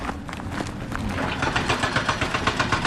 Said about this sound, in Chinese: 在威信到宜良高速公路建设现场，大型机械正在施工